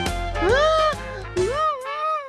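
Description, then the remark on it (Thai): A baby kangaroo cries in two drawn-out, wavering wails, the pitch rising into each one, with a short catch of breath between them. The crying is fairly loud, with nothing else around it. “เอ๊ะนั่นเสียงอะไรกันน่ะอ้าวเสียงร้องไห้นี่นาแสดงว่ามีคนไม่มีความสุขอยู่นะสิ”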